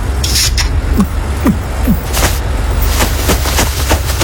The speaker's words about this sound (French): Bon, ça n'avance pas sur la route des vacances. Nouveau record d'embouteillage avec 1341 km de bouchons cumulés. La circulation en direction du sud est pratiquement à l'arrêt.